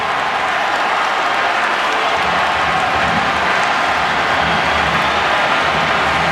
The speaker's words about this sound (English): And those cheers you're hearing are Columbus fans cheering the offside flag.